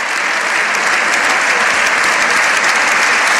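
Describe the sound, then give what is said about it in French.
Sustained, dense applause from the more than 600 members of the Spanish Parliament, a long ovation for the Pope after his speech, interspersed with shouts of "Viva el Papa"; steady and loud throughout with no pauses, a continuous wash of clapping. “Des applaudissements nourris entrecoupés de plusieurs « Viva el Papa ».”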